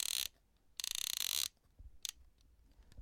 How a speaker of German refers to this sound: Und jetzt kommt der Auslöser. Ja, die Sounds des analogen Fotografierens.